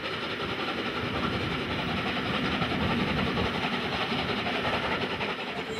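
A class 01.10 steam locomotive labours hard on the Alb ascent beginning at Geislingen an der Steige, Germany, its rapid exhaust beats blending into a loud, steady roar of rumbling train noise with rattling wheels underneath. No voices.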